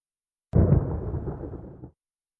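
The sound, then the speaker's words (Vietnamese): A single lightning-strike sound effect: a sharp, loud crack that bursts in suddenly and rolls into a dense, rumbling crackle, fading out after about a second and a half. No voices. “Còn câu này có thể hiểu là thuật sét đánh.”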